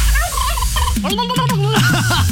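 A turkey gobbles loudly, a rapid warbling burst of rising and falling calls lasting a couple of seconds, with a low steady hum underneath.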